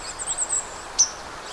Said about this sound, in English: The sounds that you're hearing, little pink, pink, pink, most of that is white-throated sparrow. There's also a few other little high, kind of vague little sounds.